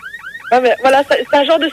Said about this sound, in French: Voilà, c'est un genre de sirène comme ça.